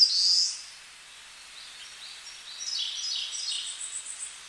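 White tern (Manu-o-Kū, a seabird) calls: a sharp, high call opens, then a loose series of thin, buzzy chirps follows over a faint airy background, with no one speaking.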